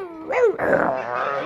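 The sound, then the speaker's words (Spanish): A person's voice imitates a rabid dog inside a wardrobe, letting out a rising, wavering yelp that breaks into harsh, snarling growls and barks, loud, for about a second and a half. “Dice, no, al armario no entre, no cojas nada del armario, que hay el perro que se ha puesto rabioso, está el perro ahí dentro del armario y se oye dentro del armario.”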